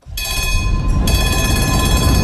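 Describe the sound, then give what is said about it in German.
A historic tram running between the main station (Hauptbahnhof) and Radeklint rumbles steadily along its rails, a loud rolling noise with a sustained metallic whine and squeal from the wheels. No one speaks. “Fahren Sie mit in der historischen Straßenbahn zwischen Hauptbahnhof und Radeklint in der Live-Sendung aus der historischen Straßenbahn diesen Samstag von 10 bis 15 Uhr.”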